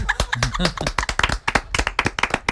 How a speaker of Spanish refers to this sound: Y aplausos.